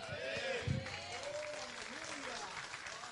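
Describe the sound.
An audience claps steadily in a dense, continuous wash of applause, with a few voices and a brief louder thump rising above the clapping.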